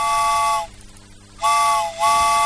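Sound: steam train whistle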